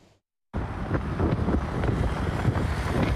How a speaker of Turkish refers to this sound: Aksaray'da kuaförde çalışan iki kadın güneşten korunmak için iş yeri önüne konulan şemsiyenin altında oturuyordu. Şiddetli rüzgarla birlikte başlarına neler geldi izleyelim.